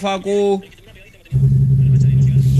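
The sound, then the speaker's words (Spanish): Rally car number 138 roars past as it finishes the penultimate special stage of the second leg, in round 8 of the Neuquén rally championship; its loud engine rumble surges in suddenly and holds steady to the end, after a brief voice and a short quiet gap. “la máquina 138 que pasa por aquí y termina la anteúltima prueba especial de la segunda etapa.”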